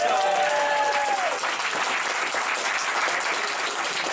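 An audience applauds steadily in a dense, loud wash of clapping that holds for several seconds, with a brief whistle-like tone gliding over the start.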